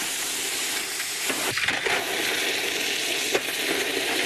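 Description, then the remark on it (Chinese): A hot Deng knife blade, already roughly polished and put back in the furnace, is given its final quench by a craftsman, giving a steady, bright sizzling hiss that holds for several seconds, broken by a few brief crackling bursts of steam. “刀把的粗坯成型后，飘龙松会将已初步打磨光亮的刀身重新入炉，进行最后一次精准淬火。”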